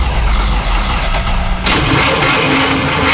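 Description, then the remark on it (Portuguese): A car starter cranks with rapid, rhythmic low chugging for a second and a half, then the engine catches and bursts into a loud, steady running rumble. “Se o problema é motor de partida, alternador, motor de arranque ou qualquer defeito na parte elétrica”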